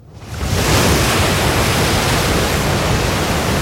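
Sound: surf waves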